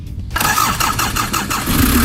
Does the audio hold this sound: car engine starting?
yes